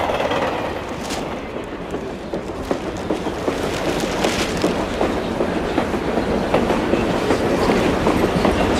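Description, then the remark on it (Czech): A train rolls along steadily, its wheels clattering over rail joints in a continuous clickety-clack rhythm amid a dense, rumbling interior noise, with no voices. “jde ve vlaku”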